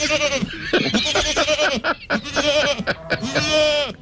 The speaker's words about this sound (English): Apparently, I've just had another driver tell me that he's just seen a herd of goats in Canberra. Oh, hang on. Let's quickly bring in the sound effects.